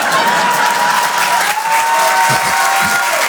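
Steady, dense audience applause fills the whole stretch, loud and continuous, with a few whistles or cheers rising above the clapping.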